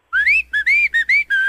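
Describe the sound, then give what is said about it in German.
A bright, cheerful whistled tune, five or six quick notes sliding up and settling, close and clear with no talking. “Das fröhliche Pfeifen.”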